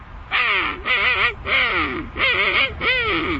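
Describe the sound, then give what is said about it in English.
A person imitates a king penguin call with five loud, brassy, wavering honks in a steady rhythm, each about half a second long with short pauses between, pitch bending up and down. “Next, the King Penguin.”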